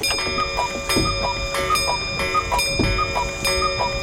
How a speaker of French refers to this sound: Je me réveillais comme la pendule sonnait 6 heures. On fait sonner la pendule ? Allez, on se fait plaisir.